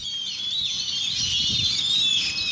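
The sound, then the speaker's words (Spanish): A dense, continuous chatter of many birds (tordos) swooping down onto people in a yard and whirring over their heads, shrill and steady throughout, with a faint low rumble underneath and no voices. “Nomás salen al patio y las aves se dejaron caer sobre ellos. Zumbaban sobre sus cabezas.”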